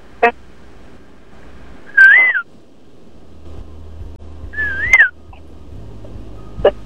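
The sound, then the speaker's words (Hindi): A woman whistles two clear phrases imitating a koel's rising call, each a short upward-swooping tone spaced a couple of seconds apart, with faint clicks and low background hum. “अब कोयल की तरह कोशिश करती हूँ सीटी बजा के।”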